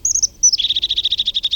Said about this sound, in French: Il a le ventre jaune. C'est une mésange.